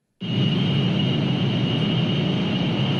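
A steady, loud mechanical hum starts abruptly and holds without change, a dense low rumble with a thin high-pitched whine running through it, like a data center's cooling machinery. No one speaks.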